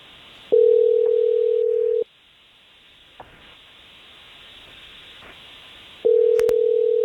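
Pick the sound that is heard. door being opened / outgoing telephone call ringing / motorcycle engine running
outgoing telephone call ringing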